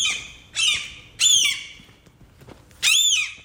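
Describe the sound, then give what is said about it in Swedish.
Gulls squawk loudly in four harsh, high-pitched calls spaced across a few seconds, with faint background noise between them and no talking. “Ja, alltså det klagades väldigt mycket på måsar i morgonprogrammet tyckte jag när jag körde hit. Det lät bland annat så här.”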